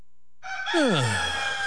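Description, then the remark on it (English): A rooster crows once, loud, the call breaking in after a moment of silence and sliding downward in pitch as it trails off. No one speaks. “New hours so early even the rooster thinks we're overachievers.”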